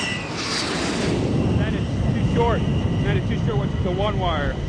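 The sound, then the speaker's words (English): A steady, loud F-14 Tomcat jet engine roar fills the whole clip, continuous, with faint radio-style voices chattering over it as the jet, number 115, comes in to land on an aircraft carrier deck, about a quarter mile out at 28 knots. “115, Tomcat ball, 8.0. Roger, ball, 28 knots, down the angle.”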